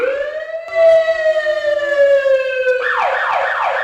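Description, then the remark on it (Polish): A GBA fire engine siren, responding to a car fire, sounds loud and alone, holding a steady wailing tone that drifts slowly downward, then abruptly switches to a fast, rapidly sweeping yelp for the final second. “Wyjazd GBA, pożar samochodu.”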